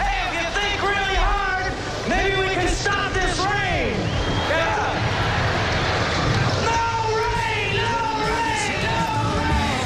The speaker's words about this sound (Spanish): Estábamos escuchando cómo los asistentes intentaron parar la lluvia cantando, pero bueno, pues no pasó.